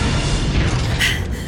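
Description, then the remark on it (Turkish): Heavy blast doors grind shut and seal with a deep, sustained booming rumble, loud, followed by a brief metallic hiss near the end. No voices. “Dayanıklı kapılar mühürlendi.”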